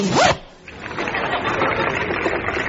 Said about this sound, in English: He appears to be taking his trousers off. Yes, he's removing this rather sober pair of wool-worsted black slacks, and he's changing into a pair of check trousers, and up goes the zip.